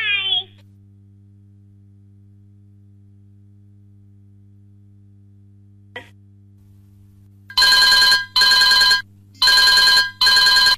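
A telephone rings loudly in two double bursts as calls keep coming in to an Akashvani (All India Radio) programme. Before this is a mostly quiet stretch filled with a low steady electrical hum and a short chirp at the start.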